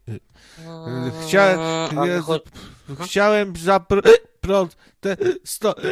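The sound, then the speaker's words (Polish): A voice imitates repeated hiccups, a series of short, abrupt voiced gulps coming one after another, mixed in with sing-song vocal sounds. “I od czkawki to można stracić przytomność, jak człowiek zaczyna tak czkać i nie chce mu przejść, to w końcu padnie od tego czkania”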